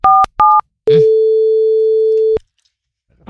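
Two quick telephone dialing beeps, then a single long, steady phone tone that holds for about a second and a half before cutting off into silence. Loud and clear, with no voices.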